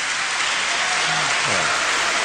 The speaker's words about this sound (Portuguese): Depois da votação, os deputados da esquerda levantaram-se a aplaudir, dirigiram-se a quem estava nas galerias, que também aplaudia